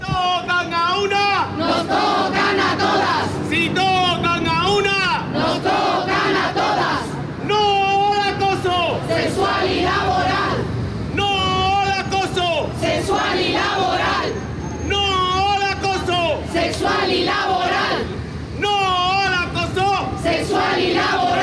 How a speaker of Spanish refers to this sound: Escuchan la solidaridad con la denunciante en una concentración a las puertas del juzgado convocada por el Sindicato de Periodistas de Andalucía, donde se ha leído un manifiesto.